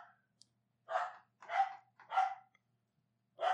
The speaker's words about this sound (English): She's barking literally at the door. Hey. I know, Shelby. Quiet.